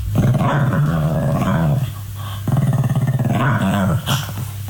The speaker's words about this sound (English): What is this? This is in the middle of the night. Like 2 a.m. What is it doing though? Is it awake? So there's phases of this dog's noises, right? So the first phase is it's rolling around on the floor, making those noises and like rubbing its back